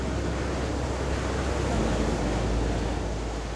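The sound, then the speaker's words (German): A steady, loud roar of wind buffeting the microphone blends with crashing surf on the shore at Cannes on the Côte d'Azur, France, a dense, continuous wash of noise with no pauses. “Boah, ist das laut hier mit dem Wind und den Wellen.”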